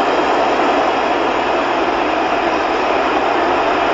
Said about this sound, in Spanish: Escuchen el alarido para Raúl. Allá se va.